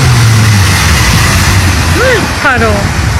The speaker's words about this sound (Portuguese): Olha lá, ele tá andando em velocidade. Mas tá vendo que ele tá atravessando uma poça d'água, né? É, tá atravessando uma poça d'água. Não, ele tá atravessando uma enchente.